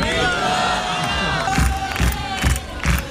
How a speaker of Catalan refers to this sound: Emoció i aplaudiments a la presentació de la pel·li del moment al Festival de Sant Sebastià.